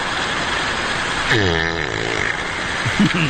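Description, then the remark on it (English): A single drawn-out, rumbling fart from a male bear caught on a wildlife camera, its pitch sliding downward, heard over a steady outdoor hiss, followed by a brief low grunt-like rumble. “Wildlife cameras catch all kinds of things, like when a bear farts and then falls asleep.”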